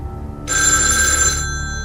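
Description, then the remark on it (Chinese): A telephone bell rings in a single sustained burst of about a second, bright and fairly loud, over a low steady background hum. “阿成先生，您的电话响。”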